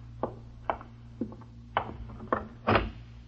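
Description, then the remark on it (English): A door is unlatched and opened: a string of sharp wooden clicks and knocks at an uneven pace, ending in a louder rattling thump, over a steady low hum. No one speaks. “Open the door.”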